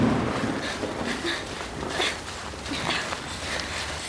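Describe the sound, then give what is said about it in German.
A thunderstorm directly overhead, in the audio drama series Die Glitzer-Gang: heavy rain pours down in a steady, dense hiss, with scattered louder splashes and patters breaking through for about four seconds, and no voices. “Oh Mann, ist das ein Gewitter. Es ist genau über uns.”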